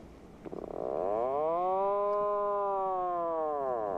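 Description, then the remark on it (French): An Atlantic puffin's call: one long, low, groaning moan with a buzzy, harmonic-rich tone that swells up, holds for a few seconds and slowly sags in pitch, with no voices. “Un oiseau qui nage et creuse un terrier. C'est en cela qu'il est étonnant, et son cri est très particulier.”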